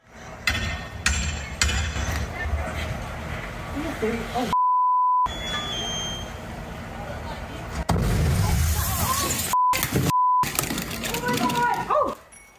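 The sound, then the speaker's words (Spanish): A sudden loud, rumbling explosion of an electrical transformer erupts partway through at an apartment building in Tacoma, Washington, as firefighters respond to a fire alarm during an inspection, following mechanical clanking, muffled voices and several sharp censor beeps. “La investigación preliminar indica que la explosión se originó en un transformador eléctrico.”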